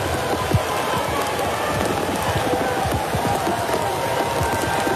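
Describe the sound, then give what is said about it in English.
Heavy rain pours steadily on a ballpark during a Major League Baseball game in a dense, constant hiss, with countless drops pattering on hard surfaces and a faint murmur of a crowd beneath the downpour. “You don't see a game played much in Major League Baseball when it's raining this hard.”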